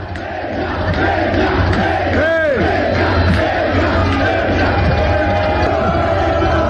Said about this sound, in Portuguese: foram recebidos com torcida, e eram justamente eles, os vascaínos, que acompanhavam o time hospedado no mesmo hotel para o jogo de ida da semifinal da Copa Sul-Americana. Amanhã, contra o Boca, a bola rola. Vamos ouvir um pouquinho da torcida.